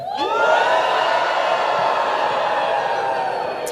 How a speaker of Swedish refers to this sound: Plötsligt blev studenterna uppmanade att jubla åt alla som stod utanför, så alla studenter viftade med sina mössor i luften och jublade högt åt alla utanför. Då lät det så här.